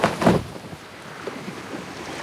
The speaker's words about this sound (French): Le bateau.